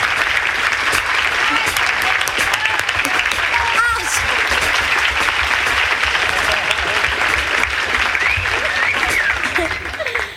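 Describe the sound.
A dense, steady round of audience applause for Mr. Gil Askey and the orchestra fills the whole stretch, loud, with scattered cheers and murmuring voices mixed into the clapping before it begins to taper at the very end.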